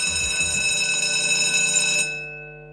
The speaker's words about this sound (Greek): Το κουδούνι είναι αυτό.